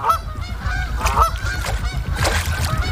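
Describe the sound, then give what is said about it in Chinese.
A dense flock of waterfowl, geese, honks continuously as they crowd onto the limited unfrozen water in the middle of an icy lake in cold weather. Many overlapping nasal calls are layered over a steady low rumble of wings and water. The sound is loud throughout, with no speech. “天气越来越冷，湖面的冰层越来越厚，成群的水禽只能聚集在湖心没结冰的有限范围内。”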